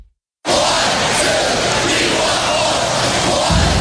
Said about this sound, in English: Badger hockey fan knows that cheer.